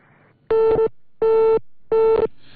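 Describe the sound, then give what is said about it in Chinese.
A telephone busy signal on a failed attempt to reach someone by phone: three loud, steady mid-pitched tone bursts, each about a third of a second long, separated by equal pauses of silence. No one speaks. “好，我们稍后再来尝试联系一下方亮。”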